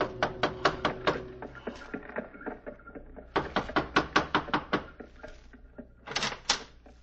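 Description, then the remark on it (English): Knocking on a wooden door, fairly loud, in three quick bursts of sharp raps separated by short pauses, with no voices. “gave the driver his fare, received a wink in return, and knocked on a door.”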